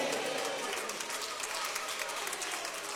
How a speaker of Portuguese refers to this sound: Se essas palmas for para o homem, tá bom, mas é para Jesus. Para Jesus, só quem veio adorar Jesus essa tarde, bem bonito, bem forte.